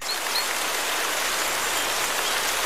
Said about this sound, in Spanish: ¿cuál de estos tres sonidos del entorno natural más le gusta? El sonido de la lluvia.